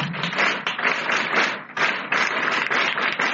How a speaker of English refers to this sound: Clap for yourself.